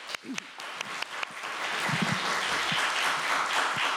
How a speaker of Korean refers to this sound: 우리 다 같이 큰 박수로 다 같이 듣겠습니다.